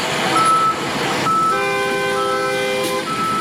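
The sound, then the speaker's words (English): Heavy road construction machinery rumbles loudly while a high electronic reversing alarm sounds in stretches, first briefly and then more steadily, above the constant engine noise, as workers and machines rehabilitate the Ring Road in a city center. No one speaks. “Men and machines are on ground carrying out what motorists describe as a speedy work on the road.”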